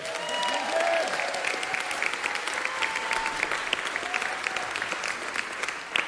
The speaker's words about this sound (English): I would like to go one by one, and everybody give each of these seniors a round of applause individually.